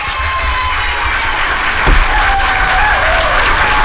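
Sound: applause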